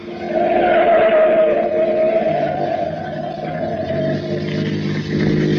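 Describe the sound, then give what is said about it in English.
A car engine roars loudly, revving hard as the car accelerates at speed in pursuit of a truck, a steady droning growl that holds for several seconds with no voices. “Get up to that intersection. Right. Now, take that turn fast. I don't want to lose track of that truck.”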